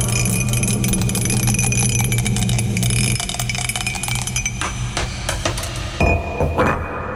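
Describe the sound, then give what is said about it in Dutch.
A die is rolled in a radio game and lands on six, clattering and tumbling across a hard surface in a rapid run of small sharp clicks and rattles that slows and stops, over a low steady hum in the first half. “Maar ja, goed, dus laten we het natuurlijk aan jou over op het moment dat die gedobbeld wordt.”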